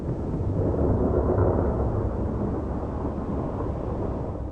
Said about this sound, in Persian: طوفان‌های بارانی با بادهای شدید و ابرهای تاریک همراه می باشند.